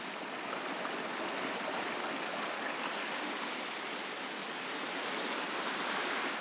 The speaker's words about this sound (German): Was wir sehen, ist das Regenwasser, das vor Monaten gefallen ist. Es formt diese Schluchten, während es zum Indischen Ozean fließt.